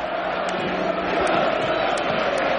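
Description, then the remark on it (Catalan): The Camp Nou football stadium crowd, waving thousands of estelada flags, chants "independència" in unison at minute 17:14 of the first half: a loud, dense roar of thousands of voices that holds steady and unbroken throughout, with a few sharper shouts poking through. “minut 17-14 de la primera meitat, i el Camp Nou torna a cridar independència.”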